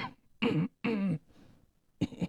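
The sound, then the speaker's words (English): Three muffled, stifled coughs, a voice imitating someone holding in coughs in the tight quarters of an airplane: two quick bursts, a short pause, then one more, fairly loud. “I was holding coughs in, and they'll just be like...”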